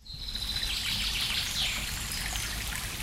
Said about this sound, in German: Da plätschert er, der Monbach, idyllisch direkt auf dem Gelände der christlichen Gästehäuser Monbachtal. Allein die Monbachschlucht ist einen Ausflug wert.